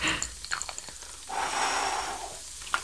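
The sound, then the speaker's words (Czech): A soft, steady breath of air is carefully blown out for about a second through a soap bubble wand to land bubbles inside a box, preceded by a few small wet clicks and taps. “Tak a nyní opatrně foukneme do bublifuku a snažíme se vznikajícími bublinami trefit dovnitř do té krabice.”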